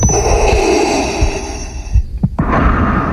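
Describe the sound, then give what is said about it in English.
A man dressed as Darth Vader does the character's signature heavy, hissing mechanical breathing into the podium microphone at a San Diego City Council Public Safety and Livable Neighborhoods Committee meeting: a long rasping breath for about two seconds, a brief pause, then another loud breath begins, with a faint steady hum underneath. “The man approached the podium at a Public Safety and Livable Neighborhoods Committee meeting with Darth Vader's signature breathing into the microphone.”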